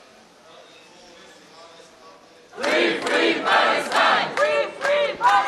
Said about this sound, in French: Sous les applaudissements et les slogans, les militants français de la flottille sont accueillis par leurs proches.